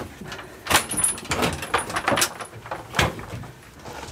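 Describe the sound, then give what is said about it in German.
A door at Burg Feuerstein is pushed open, with creaks, metallic rattles and a few sharp knocks as it swings and is held open, no one speaking. “Ich halte die Tür auf.”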